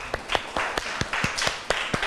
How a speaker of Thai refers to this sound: โอเคค่ะขอเสียงปรบมือให้กลุ่มที่2ด้วยค่ะ